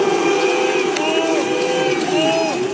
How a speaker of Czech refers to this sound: Takhle diváci v kinosálech pískají a bučí, jakmile se na plátnech objeví logo firmy.